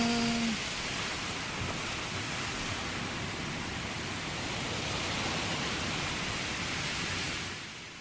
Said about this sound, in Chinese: 海风咸咸吼，西班子乐团的歌声，最后嘛，我听到海风的声，实在是真舒适啊。